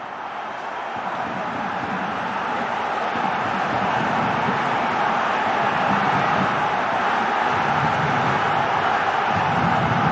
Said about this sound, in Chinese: 索罗金，哎，这个球裁判判的是进攻犯规啊，索罗金的犯规。这下这个主场的球迷不干了，哎，现场是一片嘘声啊。